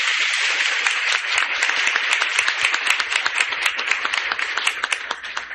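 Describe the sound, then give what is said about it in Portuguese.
A church crowd bursts into sustained applause welcoming the religious and the catechists, many hands clapping in a dense, steady patter that holds strong for several seconds and tapers slightly at the end. “Então, nós queremos acolher a nossa vida religiosa, os nossos catequistas, com uma calorosa salva de palmas.”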